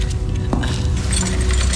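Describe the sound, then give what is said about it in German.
A key is fitted into a door lock, with a sharp metallic click and some light clinking and jangling, against a steady low hum. “bitte seien Sie so gut, stecken Sie den Schlüssel auf diese Seite der Tür, ja?”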